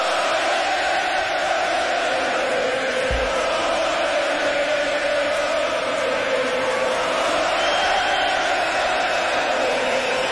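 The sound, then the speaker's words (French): A huge crowd of Canadien (CH) hockey fans roars and cheers nonstop after a 6-2 CH victory, a loud, dense wall of shouting and whooping that holds steady for the whole stretch, with a single low thump partway through. “La foule est en délai.”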